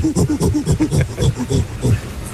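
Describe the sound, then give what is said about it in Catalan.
A person imitates a gorilla with a rapid series of low, rhythmic grunting hoots, each short burst rising and falling in pitch, loud and continuous for a couple of seconds. “Apa, tenim el goril·la també”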